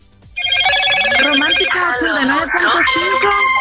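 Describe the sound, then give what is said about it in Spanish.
A phone ringtone for an incoming call, heard in a voice note, starts abruptly and plays loudly, a bright electronic melody of sustained, shifting notes that carries on without pause for several seconds. “Ay, le entró la llamada a la que mandó la nota de voz. Se escuchó con todo y sonido.”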